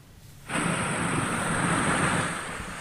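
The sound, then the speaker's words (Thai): Floodwater rushes through the streets of Manzanillo, Colima state, Mexico, after heavy rain, flooding streets so cars cannot pass, in a loud, steady roar that swells in abruptly after a brief quieter moment and holds unbroken, with a faint high whine over the torrent. “บรรยากาศที่เมืองมาซานิโยรัฐโกลิมาทางตอนกลางของเม็กซิโกก็พบเห็นน้ำไหลเข้าท่วมถนนหลายสายของเมืองอย่างรวดเร็วนะคะจนรถยนต์ไม่สามารถสัญจรผ่านได้ค่ะ”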